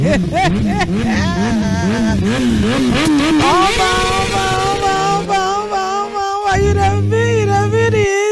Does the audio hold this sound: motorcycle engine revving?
yes